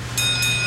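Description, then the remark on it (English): A car rolls slowly into a Valvoline Instant Oil Change shop, its steady low engine rumble joined by thin, high squealing tones, like brakes or tires, over a brief moment with no talking. “Hear that? That's the sound of a car rolling into Valvoline Instant Oil Change.”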